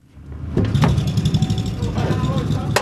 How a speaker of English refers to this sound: In Brazil, a car pulls up to a gas station. Everything looks the same, but something is different. This car is filling up on pure ethanol, grown from Brazilian sugarcane.